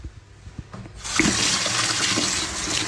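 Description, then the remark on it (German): A kitchen tap is turned on after a second of quiet handling noise, then water runs steadily and fairly loudly, splashing until the end, as water is fetched to moisten a Wurzelbrot (root bread) before baking. “Ich gehe jetzt nochmal schnell mit zum Wasser hin und tue das Wurzelbrot ein bisschen betäufeln mit Wasser.”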